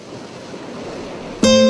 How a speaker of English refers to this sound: Wake up to the sound of the sea.